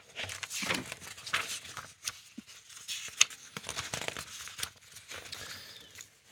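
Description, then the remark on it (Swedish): Pages being flipped in a question binder to find question number 38: a series of soft, irregular papery rustles and flicks, with a sharper snap partway through, and no one talking. “Jag bläddrar fram den så ser vi vad vi hittar där.”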